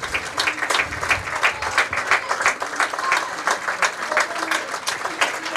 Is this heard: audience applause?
yes